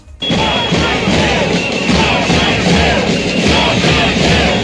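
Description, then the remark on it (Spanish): A crowd of thousands in green T-shirts outside the consellería (regional ministry) shouting the slogan "no salseu" together, a loud continuous roar of many voices with rhythmic surges, starting abruptly and sustained throughout. “Mientras, en el exterior de la consellería, otra vez miles de camisetas verdes y ese grito que escuchas, esa consigna, no salseu.”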